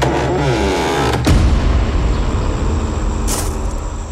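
A car supplied by a religious order: its engine turns over and revs, then settles into a steady low rumble as the vehicle pulls away, with a brief hiss partway through. No voices.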